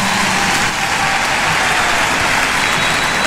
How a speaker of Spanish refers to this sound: ¡Fuerte el aplauso, señores!